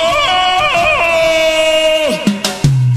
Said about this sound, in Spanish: Mira, con ese grito tarzanesco está muy bien.